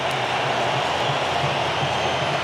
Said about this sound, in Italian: Allora tempestivo questo collegamento, perché è il momento di Neymar che va a prendere la posta di Cunha che lo abbraccia sorridente, autore del terzo gol, è entrato Neymar e questo è il boato dello stadio di Miami.